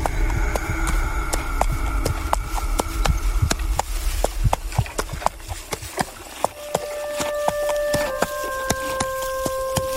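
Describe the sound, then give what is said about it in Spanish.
A black horse's hooves clip-clop at a steady walking rhythm as it carries two riders back to a ranch, over a low rumbling background, with sustained droning tones joining toward the end. No one speaks. “Con el corazón latiéndole en la garganta, mi tío subió al caballo negro y juntos regresaron al rancho de Patiños.”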